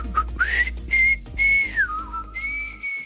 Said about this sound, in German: Ein halber Ton hat gefehlt, glaube ich. Ich glaube, ich muss mal pfeifen üben.